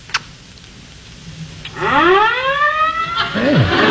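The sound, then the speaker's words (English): Fire engine sirens wail in from a quiet start, seemingly right outside in the street. Their rising and falling harmonic tones overlap loudly, with another pitch sweep dropping near the end. “Can't you hear them? Hear what? The fire engines.”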